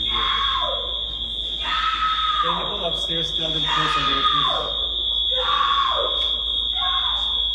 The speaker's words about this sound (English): It's her screaming. I'm going to play it for you, but I'm going to warn you. It's jarring to say the least. So here's Selma Blair screaming as she's being put into restraints and taken off the plane.